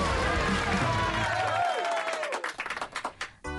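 A crowd applauds loudly with steady, dense clapping, mixed with cheers and whoops early on; the clapping thins into scattered individual claps toward the end.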